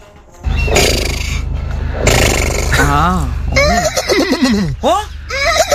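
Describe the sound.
A person loudly imitates a horse's neigh, starting with breathy snorting bursts and rising into a wavering, quavering whinny that trembles up and down in pitch.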